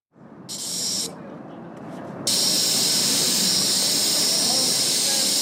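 A bright, airy spray-can hiss in two bursts, a short one and then a longer, steady one, over a low rumble of crowd noise. It comes from mock-up spray cans that spray nothing and only make the sound, used by visitors for virtual graffiti at a wall of Brno's Špilberk during the Prototyp festival.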